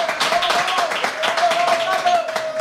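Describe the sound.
An audience applauds, many hands clapping in a dense, steady crackle that holds level throughout, with a thin sustained tone and some voices mixed in underneath.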